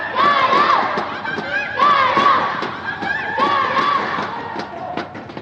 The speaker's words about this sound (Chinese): 广东的主场球迷和观众也是非常热情，在为广东队加油助威。